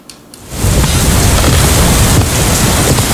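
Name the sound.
heavy rain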